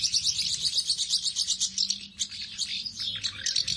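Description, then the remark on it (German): Busy, continuous chirping of house martins, many overlapping high twittering calls in rapid rhythm, steady, with a brief lull midway before the chatter resumes. “Gestatten, Mehlschwalbe. Der Vogel des Jahres 2027.”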